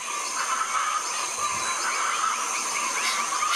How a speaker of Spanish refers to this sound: Este sonido corresponde al canto del ave chenchena, o pava hedionda, y hace parte del proyecto A Ritmo de Pájaros de la Fundación Corocoras.